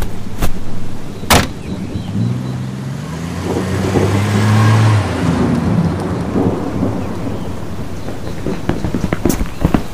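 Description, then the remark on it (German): The Fisks' car engine revs up with rising and falling tones, then fades as it drives away from the driveway, under a steady rushing hiss like rain, with a couple of sharp knocks at the start. “Das war zumindest das Auto der Fisks.”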